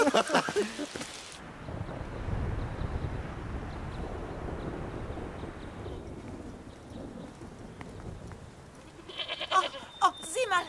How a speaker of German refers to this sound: Was sind das für Tiere? Das sind Widder, die können ziemlich unangenehm werden. Aber sind das nicht Ziegen? Ziegen sind klein. Nein, das sind Schafe.